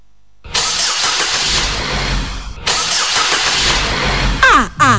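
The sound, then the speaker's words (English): After a moment of silence, a car engine cranks and catches, running loud with a rough steady roar, briefly cutting out, then revving upward near the end. “Na my engine chechre.”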